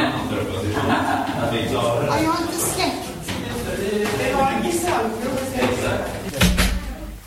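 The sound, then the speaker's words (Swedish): A door is opened and then shut with a solid low thump near the end, amid a few sharper knocks, while people keep talking throughout. “Det kommer en till dörr och akta huvudet.”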